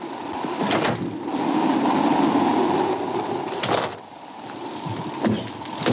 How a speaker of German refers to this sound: Ein Sandsturm, karge Felsen und ein Mann auf seinem Pferd. Der Sturm peitscht den roten Sand auf, verdunkelt den Himmel, pfeift um einen Saloon, der zwischen den Felsen auftaucht.